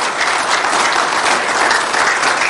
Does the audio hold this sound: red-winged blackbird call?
no